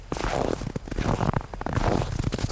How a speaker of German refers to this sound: Das ist ein Mensch, der geht. Er geht im Schnee. Der Schnee knirscht unter seinen Schuhen.